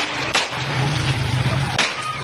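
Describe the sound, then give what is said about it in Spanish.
Two sharp gunshots crack out about a second and a half apart in a street video from the city of Santa Marta, cutting through a steady background of low rumbling noise and hiss; no one speaks. “Primero, cómo llega y si podemos ponerle más volumen y cómo hay disparos.”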